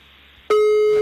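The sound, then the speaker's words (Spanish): A loud, steady telephone tone cuts in abruptly about halfway through after near silence, a line ringing after a number is dialed to place a wake-up call. No one speaks. “Marcamos entonces ahora.”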